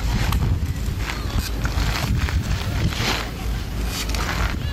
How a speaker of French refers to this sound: Un monocycle. Oui, promis, c'est le bruit de quelqu'un qui fait du monocycle. Vous voyez, il fait des petits allers-retours comme ça, il avance, il recule.